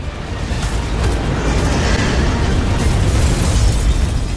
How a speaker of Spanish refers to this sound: toma un par de frascos de gas y sale corriendo de la oficina mientras una enorme bola de fuego atraviesa la puerta.